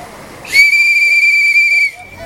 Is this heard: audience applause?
no